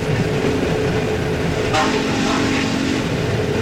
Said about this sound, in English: board a coal-burning, cinder-belching train headed for Cairo. Lillian and Jenny watched as the countryside slid by.